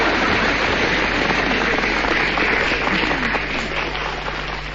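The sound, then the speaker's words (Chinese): A crowd applauds steadily, a dense wash of many hands clapping at a constant loud level that tapers slightly near the end, with no voices over it. “这大伙儿这是给我鼓掌， 没错， 给你鼓掌的，你最丑。”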